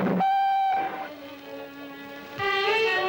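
A departing steam train's whistle sounds in long, loud blasts, first a high tone, then a lower sustained note, then a bright high blast again, with no voices.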